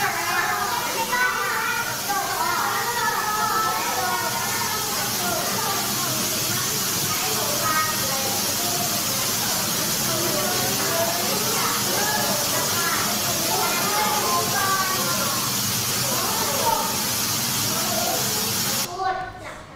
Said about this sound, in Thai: เสียงนี้คือเสียงเสียงน้ำตกนั่นเองเสียงเป็นยังไงคะ ด ัง เสียงดังนะคะแล้วเสียงเป็นยังไงเสียงยาวด้วยใช่ไหมคะอันนี้ก็คือเป็นลักษณะของเสียงน้ำตกนั่นเอง